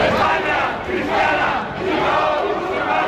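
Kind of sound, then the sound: crowd, protesters shouting chants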